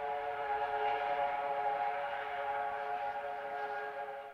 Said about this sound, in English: Gazing dully at it, he's startled by the whistle of a passing train.